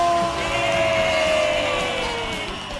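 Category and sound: crowd, audience applause and cheering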